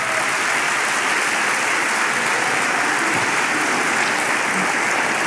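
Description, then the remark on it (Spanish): A crowd claps for the Lord in a dense, sustained wash of applause that stays loud and even throughout, with no clear voices above it. “Dele palmas al Señor.”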